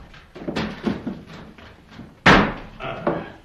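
A door is opened: a few soft wooden clunks and rattles, then one loud, sharp bang of the door swinging, followed by fainter knocks as it settles.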